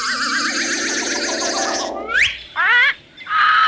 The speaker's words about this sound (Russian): О, это попугай Коруда.